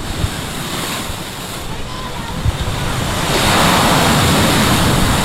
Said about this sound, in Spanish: Vamos a transmitirles con el sonido de las olas, damos paso a unos cuantos anuncios comerciales.